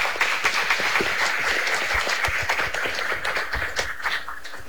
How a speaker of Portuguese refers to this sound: Seja bem-vindo à casa que é sua e vamos acolher este nosso irmão com as nossas palmas.